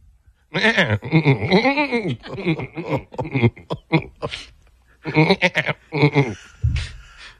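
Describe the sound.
A man's voice on a morning radio show imitates a goat, letting out a series of loud, wavering bleats, with brief pauses between the nasal, quavering cries.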